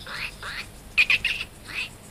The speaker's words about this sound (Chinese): 你听到了？ 鸟叫。 喜鹊，白喜鹊的声音，就是说谁惊动了他们。